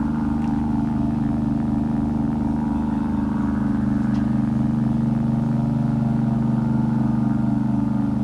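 A steady, low rumble of cars on the Veteranen street, a continuous engine drone that holds at an even level for the whole stretch, with no voices.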